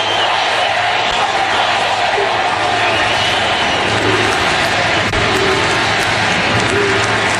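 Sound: crowd cheering and shouting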